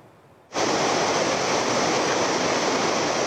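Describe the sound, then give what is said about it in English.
After a brief quiet moment, a loud, steady roar of the stormy Trishuli River in Nepal cuts in and continues unbroken, a dense churning wash of floodwater after deadly flash floods, with no voices. “Nepali authorities erected makeshift zip line to help stranded residents travel across the stormy Trishuli River after deadly flash floods had swept away the bridges, leaving large areas cut off from the main town.”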